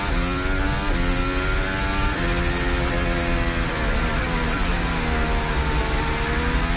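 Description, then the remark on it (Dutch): A Formula 1 car's engine screams loudly and continuously, its high whining pitch climbing and dropping repeatedly with gear changes, heard onboard Verstappen's car with no voices. “Onboordgeluid van Verstappen,”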